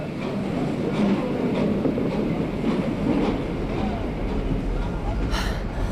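A sleeper train to London rolls steadily along the rails with a constant low rumble and a regular clickety-clack of wheels over track joints, ending with a brief hissing burst.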